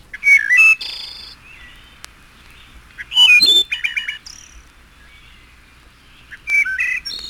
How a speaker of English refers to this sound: The final section, Misterioso, contains only thrushes. Olive-backed thrush. Wood thrush.